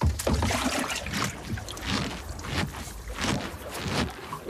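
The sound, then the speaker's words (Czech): Water sloshes and splashes around a small boat as someone jumps out, with irregular knocks and bursts of movement and a steady wash of wind and water underneath. No one speaks. “Zůstaňte ve člunu.”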